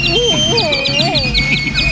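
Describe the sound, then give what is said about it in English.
Two canaries chirp rapidly and steadily, with bright repeated high tweets over swooping whistled notes, loud, against a low background rumble. “Two canaries and a dog are so much trouble.”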